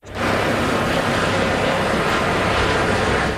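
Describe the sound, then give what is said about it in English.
An emergency helicopter roars overhead in Leipzig, Germany, as paramedics help people struck by a car, in a loud, steady wash of engine and rotor noise that holds constant for a few seconds, with no voices. “Video shows an emergency helicopter flying over the scene as paramedics worked to assist some of the people who were struck.”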